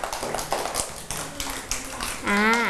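A group claps together in a quick, uneven patter of applause that runs through the whole clip, with a high voice briefly calling out over it near the end.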